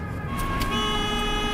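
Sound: truck passing by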